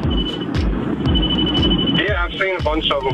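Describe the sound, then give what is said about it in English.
A radar detector emits a high, thin electronic beep, held for long stretches with a short break, over heavy road and wind rumble inside a moving car on a road trip with the windows down; a voice starts talking near the end. “What's all that beeping? Oh, that's my radar detector.”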